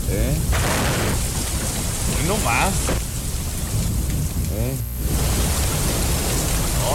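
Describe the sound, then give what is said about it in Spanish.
Heavy rain pours in a dense, steady roar with a low rumble of thunder underneath, while a couple of voices speak briefly over the downpour. “Oye, irá a llover ahora”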